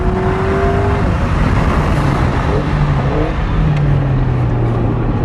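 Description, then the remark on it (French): A car engine revs hard and steadily under heavy acceleration on the straight of a race circuit, a loud continuous roar with rising and shifting engine tones over constant road and wind noise. “Et une nouvelle fois, cette accélération sur la ligne droite.”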